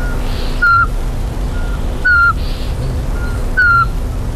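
A Eurasian pygmy owl's clear, monotone whistled notes repeat about every second and a half, louder hoots alternating with fainter replies, as a person tries to lure the small owl, over a steady outdoor hum.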